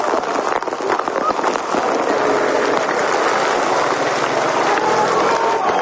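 Hail pelts down hard and nonstop during a storm that suspended a stage of the Vuelta cycling race, a dense, loud clatter of countless impacts drumming on surfaces, with no voices, just the relentless roar of the storm throughout.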